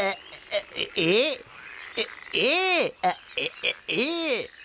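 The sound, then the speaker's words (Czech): A voice imitates a frog croaking: several drawn-out, rising-and-falling croaks, with short choppy sounds between them. “Psst, tamle žabka pšipua.”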